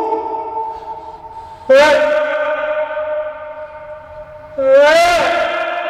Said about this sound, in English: Wait, that means there's an echo wall really near. Did you hear how quickly your voice came back?